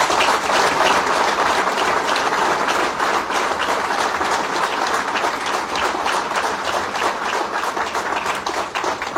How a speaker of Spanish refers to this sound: Un aplauso para esa frase.